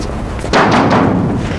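Someone knocks on a door, a few heavy, dull thumps in quick succession that start abruptly and ring out loudly, with no voices.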